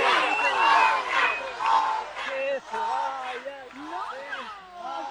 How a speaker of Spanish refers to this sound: Señoras y señores, más fuerte el aplauso para …. Fuerte el aplauso del público.